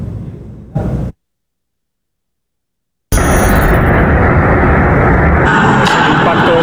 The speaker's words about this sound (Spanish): De un dron ruso contra el 10º piso de un bloque de viviendas en Rumanía. El choque provocó la explosión de la carga que llevaba y eso generó un incendio.